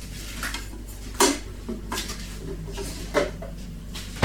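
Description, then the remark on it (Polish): Sharp plastic clicks and clacks as a coffee machine's disc compartment is shut after a cappuccino is made and the used disc thrown away, a few separate knocks spread over a few seconds above a low steady hum, with no talking. “Zamykam to miejsce, gdzie wkładamy dysk.”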